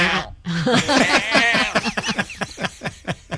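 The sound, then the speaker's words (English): A neighbor's goat bleats loudly, one long wavering cry that breaks into a rapid, stuttering series of pulses before trailing off, with no other sounds around it. “That was my neighbor Bill's goat”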